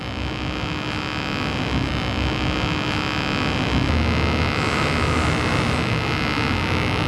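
A homemade non-contact proximity sensor, being tested on whether it detects a mobile phone, emits a continuous, buzzing electronic tone rich in harmonics, holding steady and fairly loud for the whole stretch with no one speaking.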